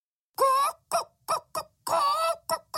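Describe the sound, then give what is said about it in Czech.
A hen clucks in a quick run of six calls, two longer drawn-out squawks mixed with short clipped clucks, fairly loud with no other sounds around it. “Místo toho jen kdákala a překvapeně poulila oči.”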